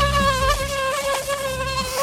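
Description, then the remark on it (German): A steady, high-pitched mosquito whine drones continuously, its thin buzzing tone wavering slightly in pitch as it hovers, with no voices present. “Dieses Surren in den frühen Morgenstunden bleibt uns diesen Sommer weitgehend erspart in Regensburg, Niederbayern und der Oberpfalz.”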